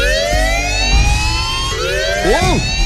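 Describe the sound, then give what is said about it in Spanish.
A loud wailing alarm siren with layered harmonic tones, the pitch sliding steadily and then sweeping up and down in a rising-falling wail, sounding continuously with no talking. “Las alarmas. ¿Qué está pasando?”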